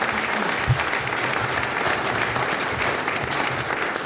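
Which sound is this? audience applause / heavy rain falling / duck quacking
audience applause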